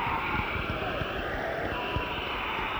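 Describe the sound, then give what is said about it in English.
An audience, asked to clap at full 100% applause, applauds steadily, a dense wash of many hands clapping at once, holding an even, full loudness throughout without building or fading. “Now, that's what 100% sounds like.”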